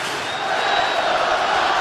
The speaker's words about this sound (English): The crowd is activated in Los Angeles.